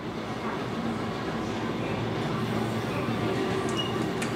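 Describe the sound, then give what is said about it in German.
A train on the Kurobe Gorge railway in Japan rumbles steadily through the gorge, a dense, continuous low roar of wheels and carriages with faint metallic squeals rising briefly near the end. No voices are heard. “Im Taktverkehr sind die Züge hier unterwegs.”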